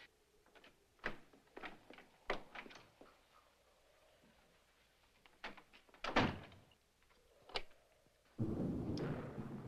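A solid bedroom door is pushed shut with a solid thunk and locked from inside. A series of sharp clicks and rattles sound as the latch and lock are worked, followed by steady rustling noise.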